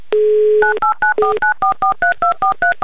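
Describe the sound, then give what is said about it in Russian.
A Humor FM radio host dials a listener's telephone number in Makeevka on a keypad: a steady tone, then about a dozen short, crisp dual-pitch beeps in quick, even succession, loud, with no voices. “я набираю ваш номер телефона, долго ждать не буду, уверен, что вы возьмете трубку и верю в то, что вы слушаете Юмор ФМ.”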